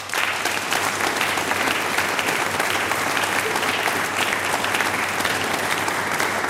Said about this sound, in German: Euch allen einen großen Applaus.